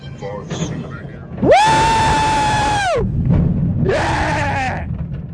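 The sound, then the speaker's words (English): Riders scream on a roller coaster loop: two long, high, sustained yells, the first about a second and a half, the second shorter, over a steady rumbling ride noise. “the reason why I'm on this roller coaster”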